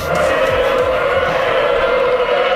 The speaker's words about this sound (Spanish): Eso, suena como no, motores, me han dicho. Hombre, claro que suena como motores. Eso son, no son motores, no, me eso. Dijeron, no, pero que no, que es el roce. Remo contra agua, casco contra